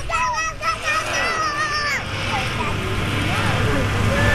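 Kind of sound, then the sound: vehicle, bus engine running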